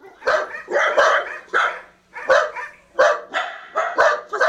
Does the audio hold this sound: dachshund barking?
yes